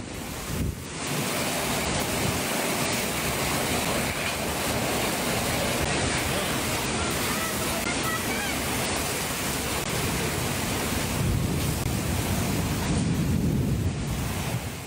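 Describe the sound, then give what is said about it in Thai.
A loud, steady roar of heavy rain lashed by strong wind, during a rainstorm in Yala, Thailand, that flooded roads and knocked over parked motorcycles. It is dense and unbroken, swelling slightly in gusts toward the end. “คือมันระบายไม่ทันลมมันก็แรงอ่ะทำให้บ้านเรือนร้านค้าต่างๆได้รับความเสียหายมอเตอร์ไซค์อ่ะคุณผู้ชมดูจอดๆอยู่มอเตอร์ไซค์แรงลมเห็นไหมฮะล้มเป็นแถวเลยอ่ะหนักมากจริงๆหลายคนบอกว่าโอ้โหไม่เคยเจอฝนที่มันลมแรงขนาดนี้ลองดูครับ”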